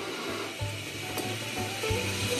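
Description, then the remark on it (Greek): A steady, dense bubbling and hissing of salted water boiling hard in a cooking pot, continuous, with a low hum underneath and no voices. “Το τσικάλι μας έχει νεράκι και αλατάκι ουσιαστικά και βράζει και αυτό.”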